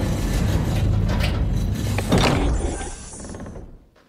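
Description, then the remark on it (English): A heavy old door scrapes and rumbles open, with a creaking, grinding drag that swells briefly near the middle before fading away as it settles. No voices are present. “So let's open up that old door and see what kind of old songs we could find.”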